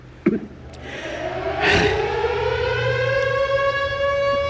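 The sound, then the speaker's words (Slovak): A civil defense siren test: the siren winds up and holds a steady, rising wail, loud and continuous, with a brief thump or breath near the start and no talking. “Skúška sirén.”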